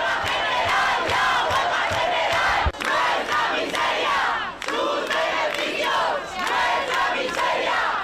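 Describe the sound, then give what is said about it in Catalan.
A large crowd of protesters with the tenants' union gathered at the doors of the Congress in Madrid shouts slogans in unison calling for a general strike, a loud, continuous roar of many raised voices with brief rhythmic pauses between chants. “Amb crits com aquests, des del sindicat de llogateres des de Madrid, fan crida a la vaga general.”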